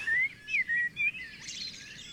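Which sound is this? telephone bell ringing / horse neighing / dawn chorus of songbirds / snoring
dawn chorus of songbirds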